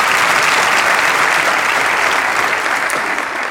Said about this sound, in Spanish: Vamos, dale ese aplauso.